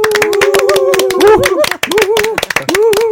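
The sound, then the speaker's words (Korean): On a count of one, two, three, a group claps together in a quick, uneven burst of sharp, loud hand claps that continues for a few seconds, with voices calling out over the applause, opening a talk about pickleball with pickleball club members from Jeonju. “네, 저희 한번 박수로 시작해 볼까요? 하나, 둘, 셋.”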